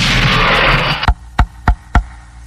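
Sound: knocking on a door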